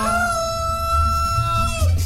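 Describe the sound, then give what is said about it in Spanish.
A rooster crows in one long, sustained call with a bright, strained tone that bends down at the end, heard over a low rumble of background noise. “El único gallo que me canta yo de niño.”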